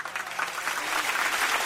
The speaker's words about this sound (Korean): 부대는 우렁차게 환영 구호를 부르고 열렬한 박수를 보내었다.